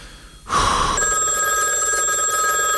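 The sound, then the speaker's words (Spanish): A telephone rings loudly and continuously, its bright metallic bell trilling steadily with no pause, sounding on its own without any voices. “Teléfono. Atendeme el teléfono.”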